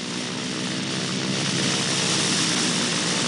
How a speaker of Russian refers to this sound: Самолет удаляется.